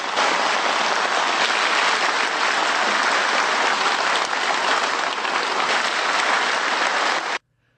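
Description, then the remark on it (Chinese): A large crowd in the hall applauds warmly, steadily and loudly for over seven seconds during Liu Jing's report to the Cangzhou Communist Party congress, a dense, even wash of clapping that cuts off abruptly at the end. No voices are heard. “在刘静报告过程中，全场多次响起热烈的掌声。”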